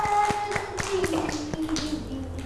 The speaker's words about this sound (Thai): เด็กๆปรบมือให้เพื่อนๆและตัวเองด้วยค่ะ